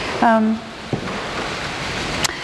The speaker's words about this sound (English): Gosh, that rains something else, isn't it?